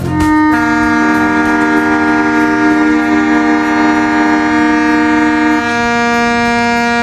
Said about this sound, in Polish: To zgodnie z tradycją, ciszę i zadumę o 4:45 przerwał dźwięk syren.